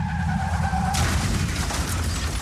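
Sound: car tires skidding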